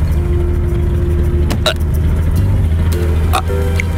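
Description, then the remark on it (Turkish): A car engine rumbles steadily and loudly, a low continuous drone with a faint higher whine, broken by a few short sharp clicks and clanks. “Gördün, araba bile sinirlendi.”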